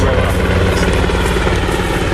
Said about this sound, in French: Vous l'entendez, il y a un hélicoptère qui vole au-dessus de nous. Il va venir déposer un groupe commando juste face à nous qui va venir sécuriser, faire un cordon pour pouvoir travailler pendant environ 30 minutes en toute sécurité.